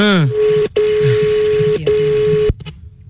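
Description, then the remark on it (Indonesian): A telephone line tone as a call is placed again to a prospective prize winner: a short rising chirp, then a steady electronic hum broken by two brief gaps, cutting off abruptly near the end. No one speaks. “Oke, kita coba ini ya, apa namanya, kita coba telepon lagi si calon pemenang.”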